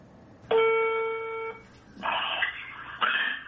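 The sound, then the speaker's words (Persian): Telephone dialing tones as a student of Haj Saeed Tousi calls him: a steady one-second beep, then two harsher, buzzier tone bursts in quick succession, clear with no talking. “یکی از شاگردای حاج سعید طوسی زنگ میزنه بهش.”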